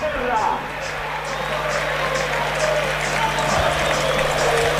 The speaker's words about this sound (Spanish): Bueno, ahí está el aplauso de la gente.